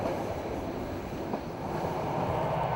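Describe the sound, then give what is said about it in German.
A diesel locomotive pulls a Norwegian State Railways train on the Nordland Line across the high plateau of the Saltfjell mountains in Norway, giving a continuous low rumble with a dense mechanical roar and faint irregular rattles from the wheels. No one speaks. “Die Diesellok führt den Zug durch die Hochebene des Saltfjellgebirges.”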